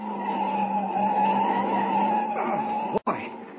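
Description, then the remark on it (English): A car's tires screech in a long, loud skid over a steady engine roar as it takes a sharp curve with the accelerator fully down. The squeal bends in pitch as the car swings around, then cuts off briefly near the end. “I hope they don't come any sharper than that.”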